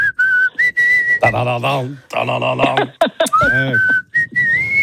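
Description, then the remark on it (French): A person whistles a melody for a listener to recognize, clear pitched notes sliding between tones, interrupted by bursts of voiced, sung-like vocal sounds and laughter before the whistling resumes. “Tiens, maintenant je vais te siffler un truc, on va voir si tu reconnais.”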